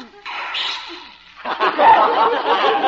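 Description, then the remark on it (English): A small, sharp sneeze from a Pekingese dog called Princess Lotus Blossom, who is being given a bath, bursts out near the start. It is followed by a stretch of bright, breathy vocal noise resembling light laughter or chatter. “Gesundheit, Your Highness.”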